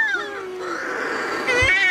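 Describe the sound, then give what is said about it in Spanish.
Shearwaters calling as they come in to their nests before dawn, in total darkness after the moon has set, with loud, wailing, cat-like cries that rise and fall in pitch and overlap one another, ending in a harsher, rapid burst of calls. “Cuando se pone la luna, en la oscuridad total, cuando no hay luz, para que las gaviotas no encuentren los nidos, es cuando entran las pardelas.”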